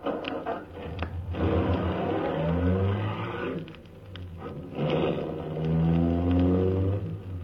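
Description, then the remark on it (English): The engine of a limousine, an official MVD car, turns over with the starter and catches, then revs up and down in loud rising and falling surges, with a brief lull midway before roaring up again. “I got in quickly, stepped on the starter.”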